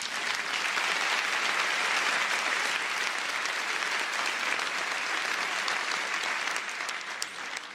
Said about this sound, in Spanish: Denle un aplauso a Dios mientras...